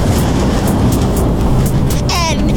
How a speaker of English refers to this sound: Chill out, dude. It's just lightning. Lightning's a kind of energy.